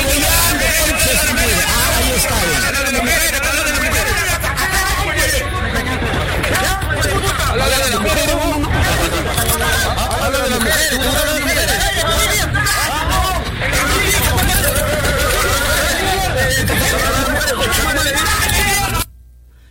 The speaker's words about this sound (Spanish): Y mira, la gente misma se amontona y le gritan, hablas de las mujeres, ¿no? Te gusta hablar de las mujeres.